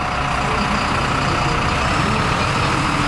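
A historic bus engine runs steadily at the Prague Integrated Transport bus day at Letná, a loud continuous diesel rumble with a throbbing low end and broad mechanical noise, no voices heard.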